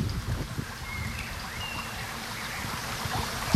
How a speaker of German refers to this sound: Man hört eigentlich das Rauschen des Baches einfach etwas lauter. Und ich würde sagen, der Wind, der so durch die Blätter fegt, wird etwas mehr so eingefangen.